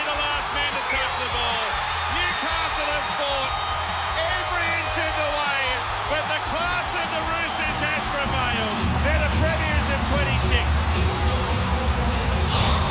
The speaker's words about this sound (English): Oh, just listen to that crowd.